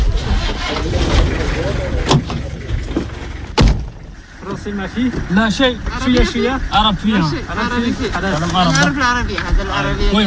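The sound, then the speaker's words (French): A car engine turns over and settles into a steady idle, a low rumble with a couple of sharp clunks like a door, then people talk over the running engine as the loaded vehicle sets off in the Djourab sand desert. “Donc c'est une voiture qui va parler Coran, qui va parler arabe et français.”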